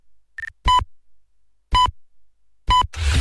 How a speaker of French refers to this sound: quatrième top, il sera 4 heures.